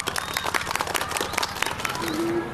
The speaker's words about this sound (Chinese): 今天我们非常荣幸地请来了部队教官，他将带领我们体验真正的军事训练，让我们用热烈的掌声欢迎教官。